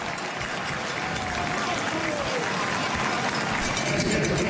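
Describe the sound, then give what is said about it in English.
A sparse football crowd in Hamilton applauds as injured player Bonhomme is helped off the field during a Ticats game against the Elks: a steady wash of scattered clapping, fairly loud and even throughout, with faint murmuring voices mixed into the noise. “It's a nice round of applause here from, we'll call it, a sparse crowd in Hamilton.”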